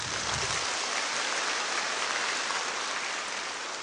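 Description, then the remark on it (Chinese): A large audience in a concert hall of over 1000 seats in Harbin, China, claps steadily to thank the Harbin Symphony Orchestra and Harbin Concert Hall, a dense, even wash of many hands that holds at full strength for a few seconds with no voices over it. “所以说，我现在请大家热烈掌声，感谢哈尔滨交响乐团、哈尔滨音乐厅，谢谢你们。”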